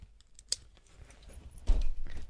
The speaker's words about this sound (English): You hurry through security, remove your belt, and drop your keys into the tray.